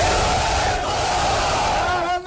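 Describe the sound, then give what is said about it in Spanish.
A crowd in Ukraine cheers loudly in a sustained, dense roar of many voices, with shouted calls rising above the din and a steady wash of clapping underneath, welcoming home 205 prisoners of war handed over by Russia, who arrive in a caravan of buses. “Así se ha recibido en Ucrania los 205 prisioneros de guerra entregados por Rusia en las últimas horas, una caravana de autobuses que anunciaba los abrazos y aplausos emocionados al recibirlos de nuevo en casa.”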